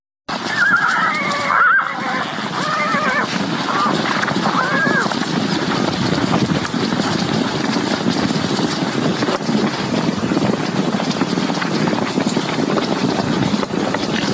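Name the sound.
wild horses neighing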